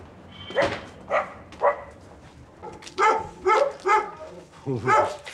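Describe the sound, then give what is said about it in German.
A dog barks repeatedly, loud sharp barks in quick, uneven bursts, with several coming back-to-back toward the end. “Briefträger und Hund. Die uralte, verbissene Geschichte einer Hassliebe.”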